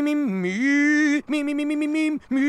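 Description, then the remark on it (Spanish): A nasal, buzzy duck-like quacking voiced by a person for a singing duck character named Cuac at a concert, held in long drawn-out calls with a dip in pitch, three loud bursts separated by brief pauses. “Cuac definitivamente ganaría.”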